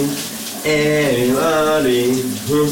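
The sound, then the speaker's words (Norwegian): A steady hiss of running shower water, joined after a moment by a man loudly singing a wavering, wordless melody over the spray, sung under the shower in the morning. “Under bruseren kan du høre, hvad dagens brusebredshit er.”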